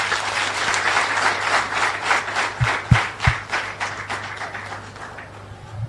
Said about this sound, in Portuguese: Parabéns a todos e uma grande salva de palmas.